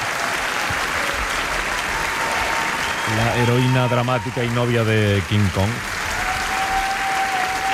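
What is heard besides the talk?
theatre audience applauding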